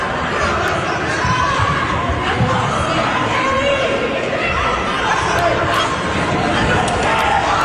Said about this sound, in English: No, but it sounds like a major undertaking with people yelling and throwing stuff. There was a fight at a kindergarten graduation. Oh, no. I was going to try to talk over the yelling and screaming, but it's too loud.